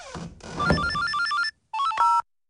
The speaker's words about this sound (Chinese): 好了，你接电话吧。